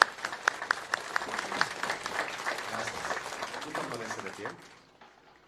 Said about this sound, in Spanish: Vamos a darle un fuerte aplauso al Beato José María Escoto por todo lo que nos ha enseñado, por su testimonio de vida, por ser testigo del amor de Dios.